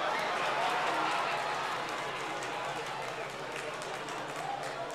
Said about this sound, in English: Oh, yeah, clap.